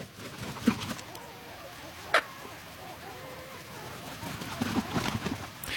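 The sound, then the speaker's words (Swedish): Quiet nighttime outdoor ambience at Björköby in Österbotten, Finland, on the night of 9 May, with a few scattered bird calls, one sharp chirp standing out, and soft irregular calls near the end over a faint, still, windless background. “Så här lät det på en av våra sändningsplatser vid Björköby i Österbotten i Finland under sändningens första mörka timmar.”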